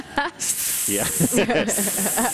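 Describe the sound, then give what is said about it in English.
A voice imitates a snake, as if auditioning for the role of Snake at the Met at Lincoln Center, producing a sustained, loud hiss that runs for about two seconds while sung or voiced tones wobble underneath it. “Aspiring serpents lined up around the block at Lincoln Center. They're all out there practicing nervously their arias.”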